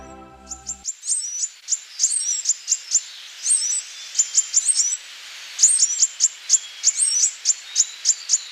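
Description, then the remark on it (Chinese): A small bird, a blue-throated sunbird in Shennongjia, gives rapid high-pitched chirps and twittering calls in quick bursts, clear, repeating steadily with short pauses against a quiet background. “在神农架靠花蜜为生的，还有飞越千山而来的蓝喉太阳鸟。”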